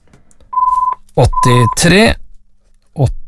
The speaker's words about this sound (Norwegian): Og telefonen ringte.